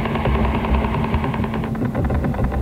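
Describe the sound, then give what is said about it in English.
A rapid, steady tapping pulse, like a mechanical knock repeating about ten times a second, buzzes loudly over a constant hum and crackly radio static, with no voices. This is the Soviet 'Woodpecker' radar signal, which can be picked up in the United States, Britain, Western Europe, Australia and the Far East. “Woodpecker doesn't just cover the United States. The signal can also be picked up loud and clear throughout Britain, Western Europe, Australia, and the Far East.”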